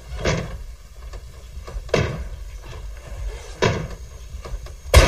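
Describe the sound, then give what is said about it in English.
Heavy thuds strike a basement door at a steady pace as a thief on the other side methodically kicks it in, four hard blows spaced over a few seconds, each with a booming, rattling impact, the last one loudest. “The two officers went into the kitchen and found that someone on the other side of the basement door was methodically kicking it in.”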